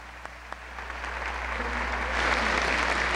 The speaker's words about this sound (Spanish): Un aplauso para este señor que dirige y que lidera a estos extraordinarios músicos de México. Para quienes pedimos un fuerte aplauso, la gran orquesta mexicana del bolero.